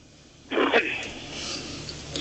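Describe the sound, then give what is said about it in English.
A radio show caller from Maine clears his throat with a rough, gravelly burst, followed by a longer breathy rasp. It sounds thin, as if heard over a telephone line. “Clear your throat.”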